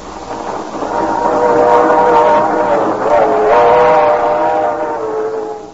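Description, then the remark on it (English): A train to Miami rumbles steadily along the tracks while a long, wavering whistle sounds over the noise, loud for several seconds before easing off. “But on a train to Miami...”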